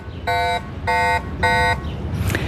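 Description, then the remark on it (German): Three short, evenly spaced electronic alarm beeps from a bicycle anti-theft alarm, each a harmonic-rich buzzing tone about a third of a second long, over a low rumbling background with no one talking. “Zuerst ist der erste kleinere Alarmton und nachher kommt der wirklich störende und zurückschreckende Alarmton.”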